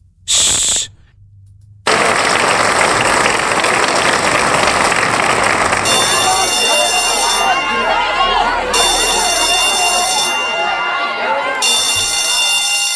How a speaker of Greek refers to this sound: Παιδιά, αυτό τώρα ήταν ένα χειροκρότημα.